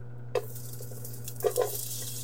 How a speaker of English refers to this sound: And I'm going to grab my onions and my ginger, and we're going to go ahead and add that to our pot. When it hits the pot, we want to hear that lovely sizzle. That's how we know that everything's just starting to come together.